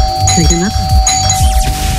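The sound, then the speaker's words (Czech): A doorbell chime from the Hit Rádio Zlín broadcast rings out clearly, its tones sustained over roughly two seconds while a voice talks over it in the foreground. “No a potom stačí už jenom poslouchat 70 vysílání Hit Rádia Zlín a jak uslyšíte zvonek z našeho éteru, prostě jenom tak se podívat, jestli někdo není u vašeho baráku.”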